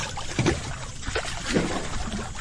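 Warm water in a hot tub sloshes and laps continuously, with a few soft splashy surges standing out over a steady watery wash, moderately loud.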